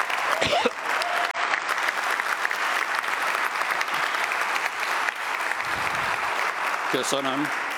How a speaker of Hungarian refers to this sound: Gondoltam, kiérdemlek egy olyan tapsot, mint amit másik képviselő.